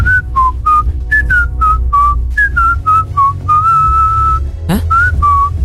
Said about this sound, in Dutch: Ik ga gewoon fluiten.